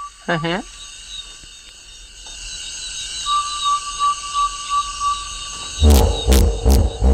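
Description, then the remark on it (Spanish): A hippopotamus lets out a burst of deep, loud, rhythmic grunts near the end, rising over a steady night chorus of insects and frogs, with a brief sliding, trombone-like call earlier. “Y no había visto hipopótamos, o sí, a mi manera, Madre de mía, oídas. eso es un trombón de varas.”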